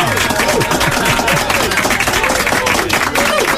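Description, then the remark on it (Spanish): A crowd applauds steadily on the radio show La Cuarentena, a dense wash of many hands clapping at once, loud and sustained throughout, with some voices faintly mixed into the noise. “Estupendo, un aplauso para ti.”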